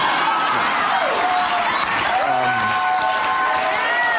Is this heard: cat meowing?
no